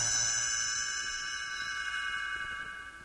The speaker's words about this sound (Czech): Stránku obraťte až tehdy, když zazní tento zvoneček.